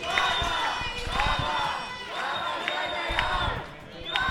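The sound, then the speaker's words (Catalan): Dozens of protesters gathered in the rain on Carrer Marina at Passatge Bofill chant the slogan "Vaga general!" (general strike) together, a loud mass of voices rising and falling in a steady repeating rhythm, with sharper shouts breaking out over the chant. “Eren els crits dels manifestants.”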